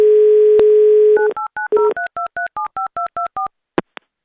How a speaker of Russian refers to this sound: Так, тихо. Пока гудок.